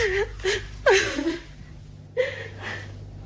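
A woman cries and whimpers close by, with several halting, shaky sobs and catching breaths broken by short pauses. She makes no words.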